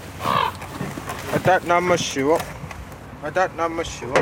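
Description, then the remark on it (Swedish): Ravens sitting on the rooftops call in two short bursts of harsh, croaking caws, a few seconds apart, clear against a low background hum of outdoor noise. “Det sitter korpar här uppe på hustaken och tittar ner på mig.”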